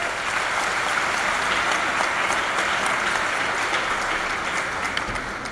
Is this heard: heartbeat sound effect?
no